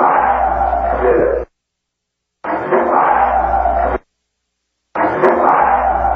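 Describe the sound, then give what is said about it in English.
Three loud, harsh human screams, recorded in the exact area where a man was thrown over the third tier, each lasting about a second and a half, separated by complete silence. The cries are raw and strained, with a rough, noisy edge. “Well, what you're going to hear right here is just screaming, and it was recorded in the exact area where he was thrown over the third tier.”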